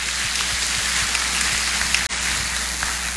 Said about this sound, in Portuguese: Pessoal aqui da comunidade matriz, da nossa paróquia, levanta a mão. Maioria, né? Forte salva de palmas para todos nós.